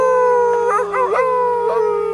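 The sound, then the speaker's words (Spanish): A wolf howls in one long, loud call, its steady tone wavering and bending in pitch midway before settling again. No other sounds or voices accompany it. “Los lobos son perros salvajes, pero son muy tímidos.”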